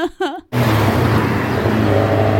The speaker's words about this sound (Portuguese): Chegou agora o carro da mexerica. Olha, a caminhonete tá cheinha de mexerica, docinha, docinha, docinha igual mel.